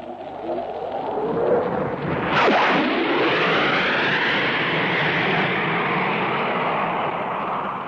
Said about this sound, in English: Here he comes. Here comes Devil Duke streaming in the Hawker Hunter after giving us that admirable double bang. Devil Duke in the Hawker Hunter.